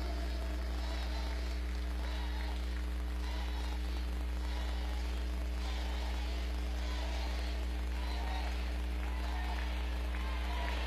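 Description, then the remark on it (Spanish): An audience in Acapulco applauds steadily for around ten seconds, a dense wash of many hands clapping, with a low constant hum underneath; the applause is for Jesús Esteva and Evelyn for rebuilding 75 bridges. “Pues hay que darle un aplauso a Jesús Esteva y a Evelyn porque ya reconstruyeron 75 puentes.”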